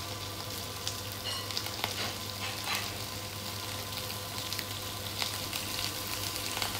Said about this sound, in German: Vor dem Braten träufelt Bodo Zitronensaft auf Rotbarsch und Garnelen. Und zisch, da wird doch der Fisch in der Pfanne verrückt, kommen die Filets in dieselbe. Natürlich nicht, ohne sie zu wenden. In der anderen Pfanne schwitzt Bodo die Garnelen an.